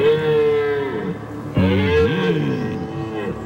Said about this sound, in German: Ja, die Hirsche. Die haben es momentan nicht leicht, weil sie schreien sich die Seele aus dem Leib. Brunftzeit ist jetzt gerade angesagt. Dauert noch wahrscheinlich ein, zwei Wochen.